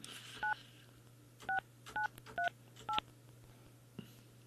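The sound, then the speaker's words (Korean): Five quick two-tone telephone keypad beeps sound in an uneven sequence, clear, over a low steady hum, followed by a faint click near the end, as a Far East Broadcasting (극동방송) radio show dials a listener who won a gift. “6938번님 전화 받아주세요.”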